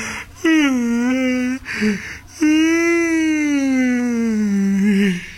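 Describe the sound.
A person yawns aloud in two drawn-out, voiced groans with a brief catch between them; the second is longer, its pitch rising then slowly sliding down as it fades.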